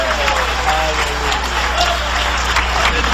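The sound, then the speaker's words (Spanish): An audience breaks into loud, sustained applause for Jesus at a night church service, dense clapping filling the whole stretch, with scattered voices calling out beneath it and a low steady hum underneath. “Cuando creen que el Señor está aquí esta noche, dale un aplauso de poder a Jesús.”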